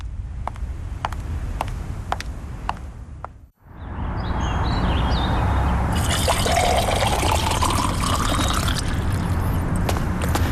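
A few light clinks, a brief pause, then a steady rushing pour of water into a glass for a guest to drink, its tone rising as the glass fills, continuing without talk to the end.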